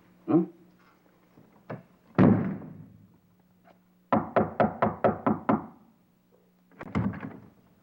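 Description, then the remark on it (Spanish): Knocking on a door, starting with a few scattered thuds, then a quick, even burst of about seven firm raps, and a last cluster of knocks. Fairly loud, with no voices. “Mira, chavita, si me sigues tocando la puerta, yo te voy a sacudir la cabeza.”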